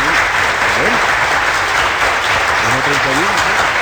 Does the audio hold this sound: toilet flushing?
no